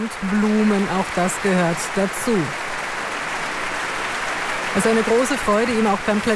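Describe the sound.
A concert audience applauds a pianist and an orchestra with its principal conductor, clapping steadily and loudly from start to finish, a dense hiss of many hands, with voices calling out over it in two bursts near the beginning and end.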